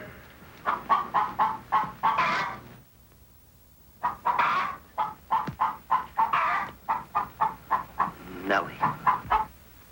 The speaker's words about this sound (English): What can she do that I can't do? Can you lay a golden egg? I shudder at the thought. Show him how talented you are. Lay, hen, lay.